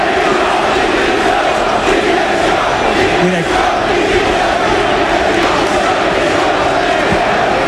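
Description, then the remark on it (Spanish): A big football crowd chants the protest slogan 'Directiva dimisión' (board, resign) together at the Leganés versus Mirandés match, a loud, dense roar of many voices that holds steady throughout with no pauses or single voices standing out. “Y escucha lo que se grita ahora, ¿eh? Directiva dimisión.”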